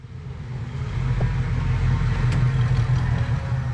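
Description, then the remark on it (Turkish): A Ford Bronco engine runs steadily, a deep low rumble with a constant idle throb that swells slightly in the first second and then holds, with no voices. “Kendime bir Ford Bronco aldım.”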